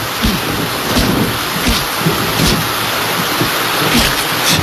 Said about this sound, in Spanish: qué malo recuerdo me trae esta lluvia.